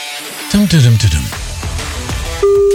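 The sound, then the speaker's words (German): A steady, loud ringback tone on a phone line starts near the end, after a stretch of voice-like sounds with gliding pitch and background line noise, as a Rockland Radio host calls a listener's mobile number to give away concert tickets. “Aha, ein Freizeichen, das ist schon mal gut.”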